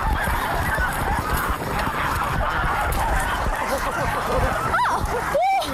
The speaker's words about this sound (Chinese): 逮住了，逮住了，逮住了！ 抓了一只大白鹅，特别轻松就抓着了。